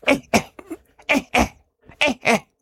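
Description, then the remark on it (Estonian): A human voice imitates a monkey's air-alarm warning call: three sharp, abrupt double coughs, each pair quick and close together, with short pauses between pairs and no speech. “Tema kohustus on öelda, nagu kõikidel pärdiklastel seda on teada, hoiatav häälitsus on topelt köhatus, mis tähendab õhu häire.”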